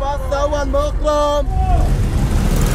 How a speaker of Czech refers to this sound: Na sobě nemají jediný nápis. Takhle řidiči vykřikují své destinace a potenciální cestující tak má zrak uvolněný k hlídání, aby ho nepřejelo auto nebo osel, a k vyhledání spoje mu tak stačí jen dobře nastražené uši.